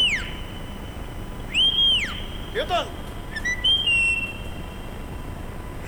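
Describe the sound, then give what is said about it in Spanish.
A person whistles a few short, sweeping notes that rise and fall, clear, with a brief spoken word between them over faint background noise. “…, vení, pues, si no le voy a ver si te escucha, que conocen tu silbido”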